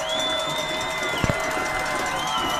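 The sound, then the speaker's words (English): A dense stadium crowd, both sides on their feet before a 25-yard kick to send the game to a second overtime, roars steadily throughout, loud and sustained, with a high whistle-like tone running through it and a couple of sharp thuds midway. “Both crowds on their feet.”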